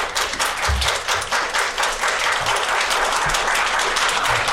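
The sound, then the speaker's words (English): A large audience at a citizenship ceremony applauds steadily throughout, a dense, continuous wash of many hands clapping at once, loud, with no voices rising above it. “I'm not used to entertaining applause.”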